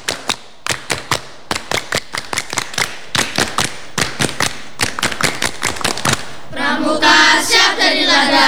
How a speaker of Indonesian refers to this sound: Dua kali tepuk pramuka.